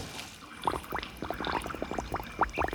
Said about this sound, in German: Er taucht die Wasserspritze in die Tonne.